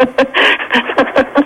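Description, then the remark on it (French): A dog pants rapidly, a quick steady series of about seven breathy huffs with no other sounds around it. “Ouf, ouf. Ah bah, il vous dit merci, vous entendez?”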